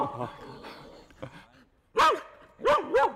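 A herding dog lets out three loud, sharp barks, one and then a quick pair, after a stretch of quieter voices talking in the background.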